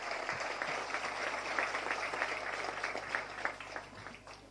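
A crowd claps steadily, a dense wash of many overlapping hand claps at an even, moderate level, with a voice or two faintly audible beneath, applauding the president in support of the rice route project.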